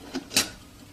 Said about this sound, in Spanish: Deja el café en la estufa. Y tapa la tetera.